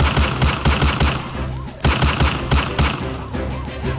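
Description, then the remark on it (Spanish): Rapid bursts of gunfire crackle back and forth in a fast, irregular rhythm as a robbery victim and would-be robbers exchange shots at Carrera 4 Norte with Calle 62 Norte on a Tuesday afternoon, loud, with sharp reports overlapping and echoing; no one speaks. “Esto desató un intenso intercambio de disparos que puso a correr a comerciantes y peatones que estaban allí por el lugar.”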